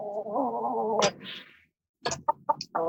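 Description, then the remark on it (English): A big chicken gives a drawn-out, wavering squawk, then after a brief pause lets out a quick series of short, sharp clucks, fairly loud, with no talking. “Hey, oh, look, there's a big chicken.”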